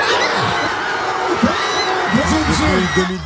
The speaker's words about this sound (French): Les bars étaient remplis. À travers les fenêtres ouvertes, on pouvait entendre les cris de joie après chaque but, avec, à l'issue de la rencontre, la délivrance des supporters. Écoutez.